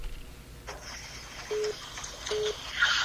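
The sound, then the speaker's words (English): Two short electronic phone keypad beeps, evenly spaced about a second apart, from a phone being used to patch a caller through, over faint background noise and some clicking handling sounds, with no one speaking. “Oh, it might be my phone.”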